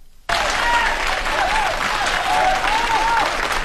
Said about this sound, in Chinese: 从大家的掌声啊，我听出来了， 什么呀？ 大家还是比较喜欢我们俩的。哎呦喂！ …心里真没数啊，什么叫喜欢我们俩呀？人家鼓掌是喜欢我们俩当中的一个。